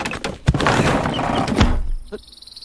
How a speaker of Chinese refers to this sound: 他们终于来了，妈妈们在呼叫，丛林客栈队。不过这次不是需要救援，好吧，我们去开门。